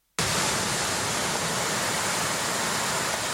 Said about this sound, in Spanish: Y lo ha hecho con éxito de público, de tal forma que el sonido del mar se ha vuelto a mezclar con los chapoteos y las conversaciones de la gente.